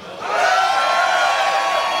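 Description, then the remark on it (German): A festival crowd at the Heubeach-Festival at Heuboden Umkirch erupts into loud, sustained shouting and cheering into the radio microphones, a dense wall of many voices that swells quickly and holds steady for nearly two seconds. “Und ihr dürft jetzt mal ganz laut ins Radio schreien.”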